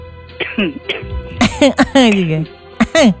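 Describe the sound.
Several short, harsh coughs and throat-clearing sounds come in quick bursts, fairly loud, mixed with strained voiced grunts between them.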